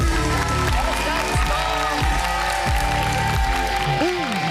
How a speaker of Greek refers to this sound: Κυρίες και κύριοι, θέλω να δώσετε ένα μεγάλο χειροκρότημα για το μοναδικό Διονύση Ανδρανάκη!